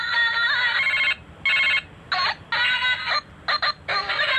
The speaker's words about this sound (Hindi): Bell बज रही है। अरे बेल, वही तो मैं कह रहा हूँ, ये सुनिए जरा, बेल बज रही है, वो अजीब सी बेल है, मैंने तो किसी का पर्सनलाइज किया नहीं आज तक।